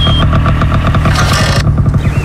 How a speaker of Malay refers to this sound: Eh, itu macam bunyi motor.